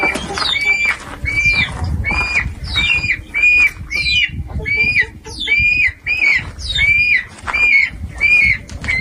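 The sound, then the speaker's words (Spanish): A dense chorus of birds and chickens calling over and over during the totality of an eclipse, recorded for a nature study of wildlife behavior, with sharp, repeated squawks and chirps layered on a low, rumbling background, loud and continuous throughout. “Pájaros, gallinas, ahora nos dirán.”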